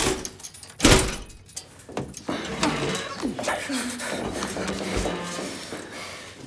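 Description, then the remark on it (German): A door is unlocked and pushed open, a sharp clunk early on followed by a lighter rattle, then voices murmur quietly over the settling noise. “Schließ auf.”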